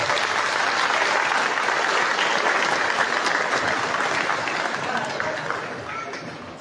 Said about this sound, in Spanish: Bien, recibo con fuertes aplausos, por favor.